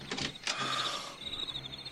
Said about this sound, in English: All right. Here, let me unlock the door.